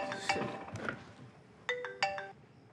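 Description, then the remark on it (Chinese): A phone rings with a bright electronic tone, sounding in two short repeated bursts after a brief busier stretch, moderately loud. “赶紧快快接电话去。 谁呀？又来电话，是。”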